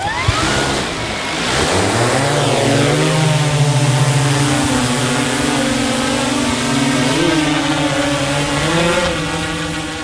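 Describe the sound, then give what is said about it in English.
A drone's rotors whine as they spin up quickly on takeoff, then settle into a loud, steady buzz with a slightly wavering pitch as it flies away, with no voices. “Within seconds, the drone disappears from our naked eye view.”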